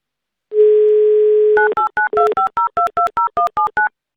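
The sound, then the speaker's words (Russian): A steady dial tone hums for about a second, then a quick run of around a dozen short, even touch-tone beeps as a number is dialed on a phone keypad, calling a listener live on Avtoradio's 'Mnogo deneg' game. “Звоню.”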